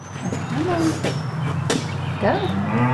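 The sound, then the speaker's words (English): A massive black show cow named Elvis moos loudly inside a grooming barn on a cattle ranch in Erie, Colorado, its low, drawn-out calls rising and falling over a steady hum, with other animal sounds and faint voices in the background. “the massive black cow beside her”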